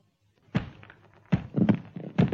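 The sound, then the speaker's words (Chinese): A series of dull thuds and knocks as someone bumps their head into something hard in the dark, arriving in irregular bursts with no talking. “哎呦，我的脑袋！”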